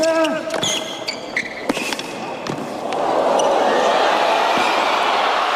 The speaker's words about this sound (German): Wenn ein Tennismatch folgendermaßen klingt, dann war es anstrengend, aber auch spektakulär auf dem Platz.